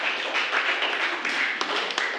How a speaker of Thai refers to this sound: ยอดเยี่ยมมากๆขอเสียงปรบมือให้กับเพื่อนหน่อยครับ